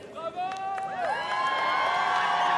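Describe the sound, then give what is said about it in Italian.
A dense crowd outdoors along the streets of the Rive Gauche in Paris, France, cheers and chants for Pope Leo XIV riding in the popemobile to Notre Dame Cathedral, with songs, choruses and little flags; many voices overlap in sustained, sung-sounding calls that swell steadily and stay loud throughout. “Bagno di folla per Leone XIV, fra canti, cori e bandierine che in Papa Mobile, lungo le strade della Rive Gauche, raggiunge la Cattedrale di Notre Dame.”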